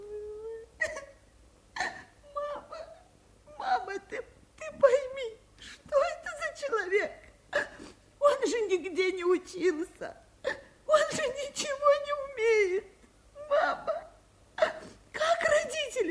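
A woman sobs and whimpers in a steady run of wavering, breathy wails broken by short catching breaths, with no pause in the crying.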